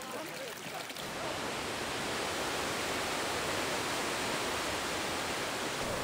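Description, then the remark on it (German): Loud, steady rushing water pours through a cascade toward an artificial Roman aqueduct ruin, a dense continuous roar that swells in after a brief quieter opening and stays unbroken to the end. “Nun fließt das Wasser zum römischen Aquädukt und die Zuschauer folgen ihm.”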